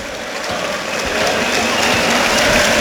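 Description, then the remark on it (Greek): Steady applause from a large football stadium crowd for Panathinaikos player Ounahi as he goes to take a corner from the right in the 43rd minute, a dense wash of clapping that swells slightly louder over a few seconds, with no clear voices on top. “Δέχεται και το χειροκρότημα.”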